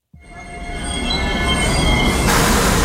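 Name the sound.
train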